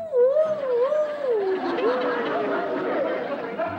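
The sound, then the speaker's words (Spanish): A voice imitates a coyote's howl, crying "¡Au!" with a long, wavering, sliding tone that rises and falls over several seconds, clear against a faint murmur of background noise. “El niño llegó hasta el panteón, hasta las puertas del panteón, y escuchó que los coyotes decían... ¡Au!”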